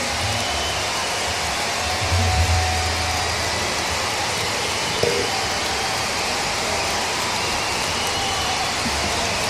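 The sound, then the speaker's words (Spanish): A festival audience applauds musicians from the Isla Grande de Chiloé, tenth region, on the festival's closing day, in a dense, steady wash of clapping that holds an even level throughout, with a brief low rumble early on and a single soft thump midway. “Más fuerte ese aplauso para agradecer todo el talento desde la décima región, desde la isla grande de Chiloé”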